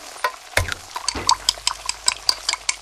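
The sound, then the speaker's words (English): Busy kitchen clatter: a spoon stirring and scraping in a pot, with bright clinks of dishes and utensils tapping in a quick irregular rhythm, fairly loud, no talking. “Can you tell if the surfaces in this kitchen are crawling with bacteria that could cause chronic arthritis? Listen.”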